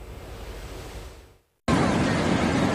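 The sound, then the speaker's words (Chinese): Rough sea surf rolls and crashes off the shore in Qingdao, Shandong, China, where a drowning man bobs in the waves, in a steady, hissing roar, briefly cutting to silence before returning louder, with wind buffeting the microphone. “海浪翻滚，溺水男子在海水中起起伏伏。”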